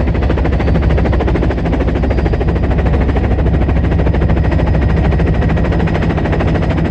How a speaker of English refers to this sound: The orange and white helicopter cruises over the snow-capped mountains.